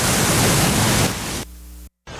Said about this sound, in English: What does this do to you? All right, if you said it's an ocean, to you that's pink noise. If you said it's static, we need to talk. That's pink noise.